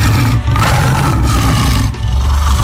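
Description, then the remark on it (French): A tiger roars loudly, a deep rumbling growl that runs nearly unbroken for a few seconds with two brief dips like quick breaths, and no voices. “Après les lions, nous parlons du tigre.”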